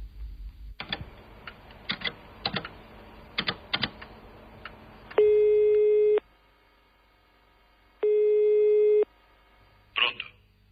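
Scattered keyboard taps give way to two loud, steady telephone call tones as a woman phones her husband, each about a second long with a pause between, followed by a brief clunk at the end.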